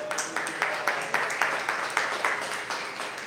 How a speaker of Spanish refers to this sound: Denle palmas al Señor.